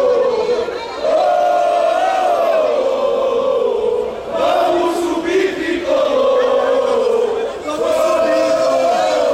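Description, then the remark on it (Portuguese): A large crowd of Santa Cruz football fans celebrating as they leave down the stairway sings a loud, unison chant in repeating melodic phrases, with cheering and shouting rising between lines and a constant roar of voices underneath. “Pronto, a festa da torcida do Santa Cruz.”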